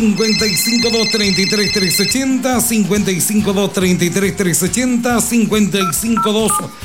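A telephone rings with steady electronic tones near the start as a call comes in, partly buried under a busy, continuous vocal and music bed that fills the whole stretch.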